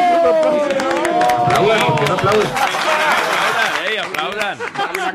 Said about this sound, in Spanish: Por favor, un aplauso.